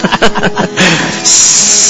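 A kettle hisses with escaping steam, a steady breathy rush that swells louder and brighter midway and keeps going. A voice is briefly heard just before the hiss begins.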